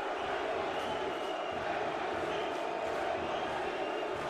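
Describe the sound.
A large sports crowd at a match roars steadily, a dense wall of many voices shouting chants of "NYC" and "New York City", with loose chant-like swells rising and falling throughout.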